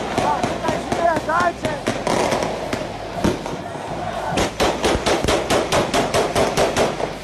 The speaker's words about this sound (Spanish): Así fue como los habitantes de esta favela en Río de Janeiro celebraron la victoria del Rubens Bass por haberle ganado el campeonato al Parque União. Según las autoridades, se está investigando quiénes fueron los que desataron la lluvia de balas.